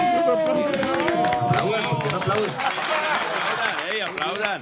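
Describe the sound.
An audience applauds with a steady patter of claps lasting several seconds, mixed with overlapping voices and cheering that rise and fall throughout.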